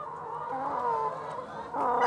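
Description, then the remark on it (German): Several hens in a barn cluck and murmur continuously, their overlapping calls forming a steady, busy chorus, with a slightly louder burst near the end and no talking. “Ich würde sagen, fangen wir mit der Henne weiter an.”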